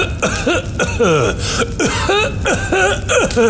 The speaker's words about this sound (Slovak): Noc strávil kráľ v chudobnej chalupe. Ráno sa zobudil na ďalší záchvat zadúšajúceho kašľa.